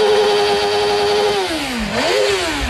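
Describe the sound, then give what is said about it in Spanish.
A loud motorcycle engine holds a steady high revving whine, then drops in pitch and climbs back up as the throttle is eased off and opened again, with no talking, in Alcañiz, Aragón, Spain, during the Aragón MotoGP Grand Prix. “Vamos a portarnos bien, no quemamos rueda.”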